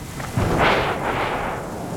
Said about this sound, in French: Le tonnerre claque au-dessus de la tête de Toudoux.